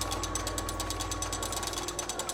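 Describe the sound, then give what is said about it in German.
A hand-cranked mechanical calculating machine runs steadily as its crank turns and four strokes inside move back and forth to transfer energy for calculating, its gears producing a rapid, even train of ratcheting clicks over a low mechanical hum, fairly loud, with no voices. “Außer der Drehbewegung der Kurbel gibt es in der Inneren nur die vier Takte, die hin und her gehen und die dann hier in die Maschine die Energie zum Rechnen übertragen.”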